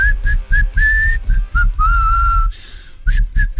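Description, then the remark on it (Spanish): Someone tries to whistle a tune: a string of short, wavering notes and a longer held one, fairly loud, mixed with a lot of breathy, airy hiss between the tones. “Yo tendría que aprender a silbar antes. ¿Vos no sabés silbar?”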